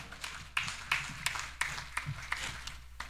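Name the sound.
round of applause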